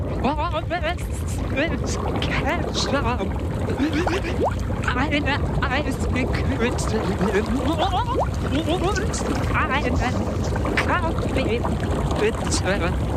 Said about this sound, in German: Ich lese Sachen von der Schwimmbad-Speisekarte vor unter Wasser und ihr könnt mal raten.